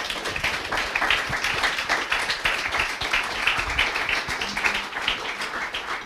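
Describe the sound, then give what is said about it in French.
An audience applauds steadily for several seconds at the end of a talk, many hands clapping in a dense, even patter at constant loudness without a pause. “On peut applaudir, oui.”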